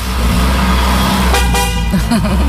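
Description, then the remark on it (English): A BMW Z4 convertible, top down on a sunny day, rumbles steadily as it pulls away, with a couple of brief horn toots sounding partway through. “This is Mark and Michael getting in a BMW Z4.”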